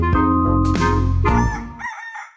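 A rooster crows once, loud, in a single drawn-out cock-a-doodle-doo lasting about two seconds and ending in a high, wavering note, with no talking.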